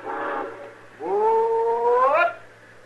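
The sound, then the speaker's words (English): A steam train whistle sounds twice as the train is about to pull out: a short blast, a pause, then a longer sustained wail that bends upward in pitch before cutting off. Loud, with no voices. “As soon as this train pulls out.”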